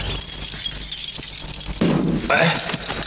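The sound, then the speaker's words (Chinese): A bunch of keys, handed over so food can be delivered, jingles and clinks in a short burst, with metallic rattling that swells briefly toward the end; faint background murmur lies underneath. “你不给我钥匙，我怎么送啊？”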